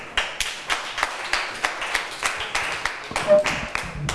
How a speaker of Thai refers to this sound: เชิญค่ะปรบมือให้เพื่อนหน่อยค่ะ